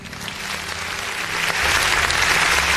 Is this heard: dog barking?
no